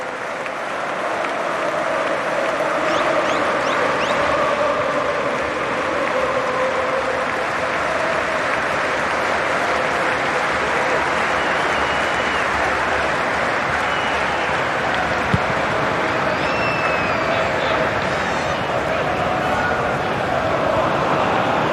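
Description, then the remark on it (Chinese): A huge stadium crowd at a Liverpool match, all the fans standing, applauds in a memorial tribute to Diogo Jota: a steady, sustained roar of clapping that fills the whole clip at a constant loud level, with scattered shouts and whistles rising above it. “在比赛提早21分钟的时候，利物浦现场的这个纪念仪式，所有的球迷起立鼓掌，怀念迪奥哥·若塔。”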